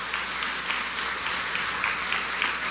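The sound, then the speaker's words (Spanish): A crowd at a graduation ceremony claps in thanks to the graduates' families for their support, a dense, continuous patter of hands, holding a steady level with small swells throughout and no voices heard over it. “y con la solidaridad de quienes caminaron a su lado, especial su familia, a quienes quiero que le demos un aplauso de agradecimiento por todo su apoyo.”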